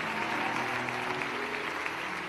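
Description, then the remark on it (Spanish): An audience claps steadily for Christ, a dense, even wash of many hands applauding at constant loudness for a couple of seconds, with a faint low hum underneath and no voices. “Levante ese aplauso fuerte a Cristo.”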